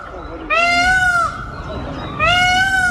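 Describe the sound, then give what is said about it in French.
Birds call twice in the pedestrian-only Jardin Massé park, each a loud, drawn-out, wailing cry lasting under a second, over a low murmur of outdoor background noise. “C'est un endroit donc 100% piéton, où le calme et le cri des oiseaux rythment cet endroit.”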